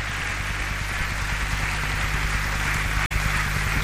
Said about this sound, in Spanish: Dele un aplauso al Señor fuerte. Aleluya. Gloria a Dios.